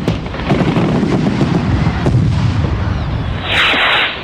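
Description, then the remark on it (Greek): A dense, continuous barrage of fireworks booms and crackles, deep rumbling bursts overlapping rapidly, ending with a bright hissing whoosh as a rocket fizzes upward. “Οι πιο ξεχωριστές εκδηλώσεις της ζωής σας μπορούν να γίνουν ακόμα πιο ιδιαίτερες με τη βοήθεια των πυροτεχνημάτων.”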